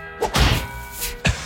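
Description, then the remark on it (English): Someone blows their nose: a brief puff, then a longer, rough, honking blast and one short final snort, fairly loud with no talking. “and I'm blowing my nose.”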